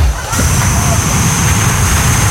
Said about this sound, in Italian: Dai, è un rumore bianco, ma cosa vuoi? Ma che stai dicendo, un rumore bianco? Sembra quando l'aereo sta per partire.